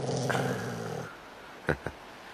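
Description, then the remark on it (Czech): A dog hiding behind a cabin gives a low, rumbling growl lasting about a second, steady, then falls quiet apart from two short, sharp sounds. No one speaks. “Schoval se za chatu, opatrně vykukuje a vrčí.”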